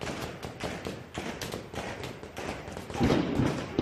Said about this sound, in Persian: شلیک ها را شنیدی و زود فهمیدی این صدا با صدای پینتبال و ساچمه فرق دارد. خشکتر است، کوتاه‌تر، بی‌پژواک، صدای گلوله جنگی است.